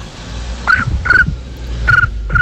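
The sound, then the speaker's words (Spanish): A person imitates a cricket with four short, high, whistle-like chirps, grouped in two pairs, over a steady low background rumble. “¡Le sale muy bien el grillo!”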